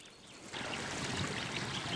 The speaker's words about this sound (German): Überall schmelzen Eis und Schnee. Wie in ein großes Becken fließt aus allen Richtungen das Wasser in die tiefer gelegenen Regionen des Soma-Nationalparks.